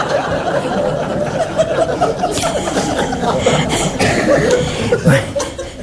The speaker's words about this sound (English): This is a signal for a cough.